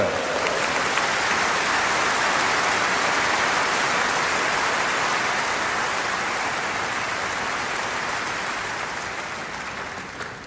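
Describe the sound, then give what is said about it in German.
A crowd applauds young members of an orchestra in a dense, steady wash of clapping that holds evenly for about ten seconds, then begins to thin and fade toward the end. No voices are heard. “Geben Sie einen riesen Applaus,”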